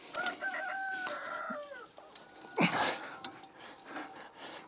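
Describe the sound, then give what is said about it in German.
Chickens clucking and crowing in a mobile chicken coop that weighs 4 to 6 tonnes, with a long rooster-like call at the start and a sharp squawk midway, over a background of rustling and low ambient noise. “Erstmal mache ich das jetzt nach Augenmaß, dass die Hühner erstmal raus können nachher.”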